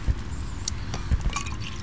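Coffee pours from a thermos into three cups, one of them the thermos cap, a steady gurgling trickle broken by a few soft drips and light knocks, with no talking.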